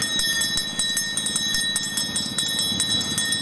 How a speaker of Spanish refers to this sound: ¿Sonando la campanilla? La campana, tengo helado, bebida, patata, frutos secos. A ver, ¿cómo suena la campana?